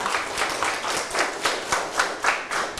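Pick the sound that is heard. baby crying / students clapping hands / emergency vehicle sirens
students clapping hands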